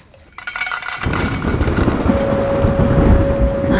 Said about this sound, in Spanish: Vale, compañeros, está comenzando una gran tormenta eléctrica cerca del estudio. Es posible que se corte la emisión del programa, pero intentaríamos recuperarla lo antes posible.